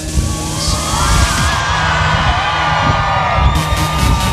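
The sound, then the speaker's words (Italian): An airshow crowd cheers and shouts, a loud, continuous roar of many voices with scattered whoops and yells rising out of it, holding steady for the whole stretch. “E ora che sono vicini, provate a farvi sentire.”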